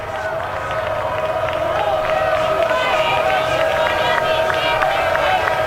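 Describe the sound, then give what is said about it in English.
A baseball stadium crowd jeers pitcher David Leslie after his throws over to first base, with the score tied 5-5 and nobody out, a loud, sustained wall of many voices that stays steady for about six seconds with no break. “Crowd really letting David Leslie hear it.”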